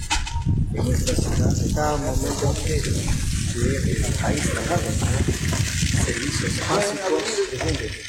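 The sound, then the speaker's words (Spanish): Water pours steadily from a tap just opened in a commercial shop unit to show the water supply works, a continuous rushing hiss that lasts the whole time, while a person talks over it. “Podemos enfocar y vamos a abrir la llave.”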